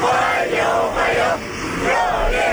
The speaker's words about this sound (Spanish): Con decenas de niños con banderas de China y Rusia que han vitoreado a su llegada